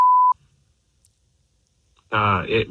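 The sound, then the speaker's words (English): A short, steady telephone tone sounds once and cuts off as a phone number is dialed, followed by about two seconds of silence before a voice begins speaking. “I'm going to dial his phone number right now.”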